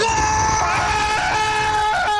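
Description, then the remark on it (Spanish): A person lets out a loud, sustained high-pitched scream, imitating the shocked shriek of someone with a cold stepping into an ice-cold shower at 5 a.m., holding it for about two seconds with a slight waver in pitch. “ingresa a la ducha y en la tranquilidad de la madrugada, los vecinos de ese individuo van a escuchar un grito así como”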